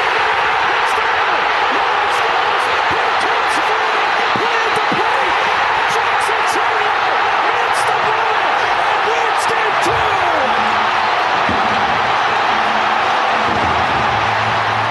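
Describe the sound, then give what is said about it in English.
A huge baseball stadium crowd of Milwaukee Brewers fans roars in sustained, loud cheering after Churio hits a pitch hard, holding steady throughout, with sharp claps and bangs popping out of the dense wall of noise and faint voices buried underneath. “Was one of the biggest eruptions by a crowd I have ever heard, partially because it's a starved for winning a championship Milwaukee Brewers best record in baseball this year.”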